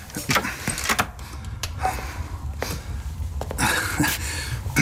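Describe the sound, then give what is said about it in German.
A door swings shut with a few sharp clicks and knocks of the latch and handle, followed by rustling and shuffling movement. “Schließen Sie die Tür, setzen Sie sich zu uns und schenken Sie sich ein Tässchen Tee ein.”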